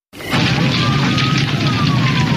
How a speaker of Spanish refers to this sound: ¡Pronto! ¡Llama a los bomberos! ¡La casa de enfrente se está incendiando!